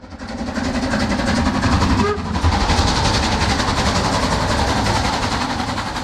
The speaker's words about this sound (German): Der Zug mit der Dampflok fuhr zunächst von Prag nach Cheb und dann als Personenzug Nummer 3717 weiter in die Grenzstadt Asch.